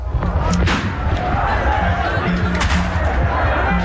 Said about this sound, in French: Ce que vous entendez là, Mathis, ce sont les coups de poing sur les rideaux de fer des commerces palestiniens de la vieille ville de Jérusalem. Pas une échoppe ouverte cet après-midi.